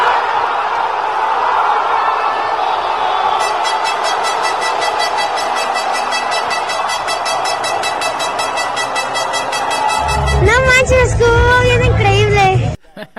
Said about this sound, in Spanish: Empezó el partido, no cabía ni un alfiler, y de pronto el grito de gol cuando Julián Quiñones anotó a los sudafricanos. Así fue el momento.